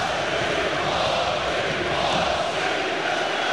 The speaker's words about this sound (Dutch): Ja, en dan kan het publiek in de Grolsvesten voor het eerst uit zijn dak gaan. En dan doen ze dan ook wel massaal.